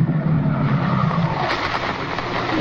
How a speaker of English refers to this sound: I guess I'd better park here and we can walk across the street.